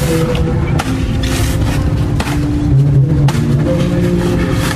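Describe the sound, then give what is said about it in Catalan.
A handful of sharp, irregular knocks from a woman chopping open a coconut, spaced a second or so apart, over a steady low engine-like hum with no talking. “Fixeu-vos, se senten uns cops. El que estava fent aquesta senyora era tallar-me un coco.”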